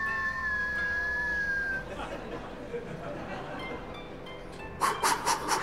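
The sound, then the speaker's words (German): A breath blown out as a thin, steady whistle during a breathing exercise holds one pitch for about two seconds, then fades into soft breathy hissing, ending with a few short rhythmic puffs. “Atmen, ja, das kennt er, aber hier kommt es aufs Ausatmen an. Da kennt man in diesen Kreisen natürlich unendlich viele Varianten. Und ein Pfeifgeräusch.”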